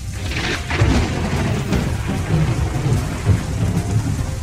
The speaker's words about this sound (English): He's home when the storm hits at about 6 p.m. Melbourne weather can change so quickly and so drastically that, you know, it wasn't out of the ordinary for it to do that later on.